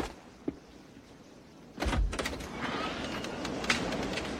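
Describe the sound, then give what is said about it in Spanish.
A man in a bulletproof vest opens Newbaum's office door: a sharp latch click, then a brief pause before a louder sweep of movement and rustling, which fades into a steady low background. “Danny se pone un chaleco antibalas y abre la puerta del despacho de Newbaum.”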